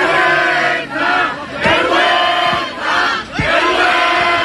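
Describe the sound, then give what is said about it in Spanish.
A loud crowd of gathered protesters shouts and yells continuously over about four seconds as police carry out two consecutive charges, voices overlapping in a dense, chaotic roar with brief surging peaks and sharp cries rising above the din. “Los concentrados seguían adelante y justo en ese momento han comenzado dos cargas consecutivas.”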